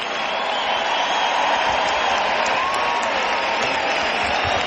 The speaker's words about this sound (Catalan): Un aplaudiment per la penya, penya.